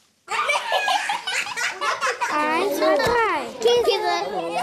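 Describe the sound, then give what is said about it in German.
Loud, overlapping children's voices in a Juniorklasse preparatory class at the Vogelstangschule in Mannheim, with excited shouting, squeals and bursts of laughter, sustained throughout with rising and falling high-pitched calls. “Und dabei kann es auch mal ganz schön laut werden, habe ich gemerkt.”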